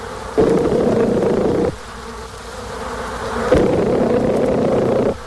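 Honeybees buzz in two loud, sustained bursts separated by a brief quieter stretch where the drone fades to a softer hum, with no voices present.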